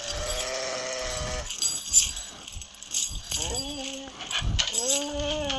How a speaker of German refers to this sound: Oh nein. Oh Gott. Der Hund ist in die Fallen reingekommen. Der arme Hund